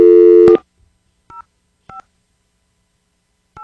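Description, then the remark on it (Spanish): A steady tone ends abruptly, then a few short touch-tone beeps sound at uneven intervals as another phone number is keyed in to place a call, clear with silence between presses. “Vamos con otro número telefónico.”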